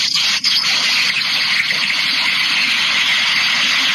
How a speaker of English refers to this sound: it's raining, right? It's raining and pouring. We can hear it like it's a toilet flushing.